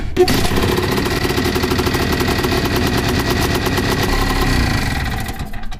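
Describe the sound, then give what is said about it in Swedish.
A Tunturi two-stroke moped engine runs, loud and steady, with a rapid buzzing, popping rhythm that holds for the whole stretch without any talking. “Lite som en moped.”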